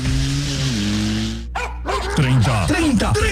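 A dog barks and yips several times in quick, uneven, loud bursts, following a brief steady tonal sound at the start.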